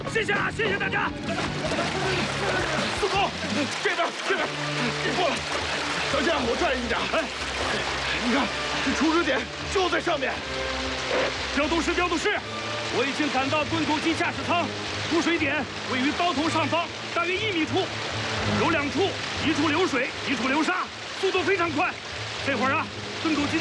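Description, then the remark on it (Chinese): Water and wet sand gush out forcefully from above a stuck shield tunnelling machine in a deep shaft, at two leak points about a metre above the cutter head, in a steady, loud rush that runs throughout, with people talking urgently over the torrent. “盾构机卡住了，大股的水和泥沙从盾构机上面的土底往外喷呐！”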